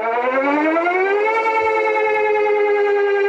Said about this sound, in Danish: Sirener, der lød over hele landet kl. 12 i dag, og også på de allerflestes mobiltelefoner.